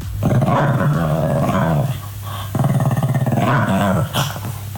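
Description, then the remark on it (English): A dog growls and grumbles around 2 a.m. while rolling on the floor and rubbing its back and head on the ground: two long, rumbling bursts with a short pause between, fairly loud, with throaty whining modulations and no talking. “the first phase is it's rolling around on the floor, making those noises and like rubbing its back and its head on the ground”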